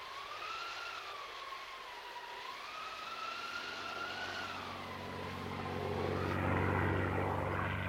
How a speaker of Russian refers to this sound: Американский самолет. Держу пари, 1000 против одного, что американский. Это с Франклина его послали.